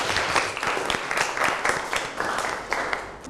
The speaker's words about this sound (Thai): ขอเสียงปรบมือให้ทั้ง2กลุ่มด้วยครับ